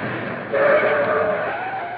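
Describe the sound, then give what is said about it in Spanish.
A car rolls to a halt outside, its steady engine and tyre rumble joined by a brief, high brake squeal that swells and fades over about a second. No voices. “Parece que ahí afuera se ha detenido un coche.”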